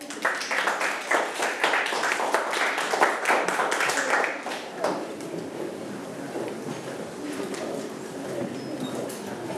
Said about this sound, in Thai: ปรบมือให้เพื่อนด้วยครับ